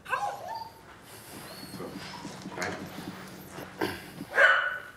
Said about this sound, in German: Jetzt verstecke ich eine Probe, so dass er es nicht mitkriegt, wo ich es verstecke. Lass ihn suchen. Und dann kann ich den Hund bestätigen, wenn er es gefunden hat. Mach mal Platz.